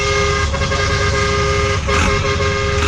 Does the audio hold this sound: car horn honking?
yes